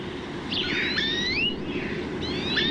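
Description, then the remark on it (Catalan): A European greenfinch (Chloris chloris) sings a series of twittering, wheezy trills and rising-falling whistled phrases, fairly clear over a steady low background hiss, with a short pause before another burst. “Verdum, Cloris cloris. Ocell que habita a camp obert tots els mesos de l'any.”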